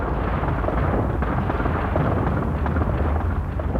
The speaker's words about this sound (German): Also das war eben hier richtig Action. Da oben hinter den Wolken fing es plötzlich an zu donnern. Man dachte erst Gewitter, war aber nicht, sondern das war Steinschlag. In großer Masse sind die Steine da oben raus